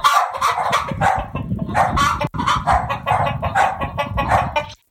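A flock of chickens clucks busily and continuously, with dogs barking in among them, the mixed animal chatter fairly loud for a few seconds before cutting off abruptly.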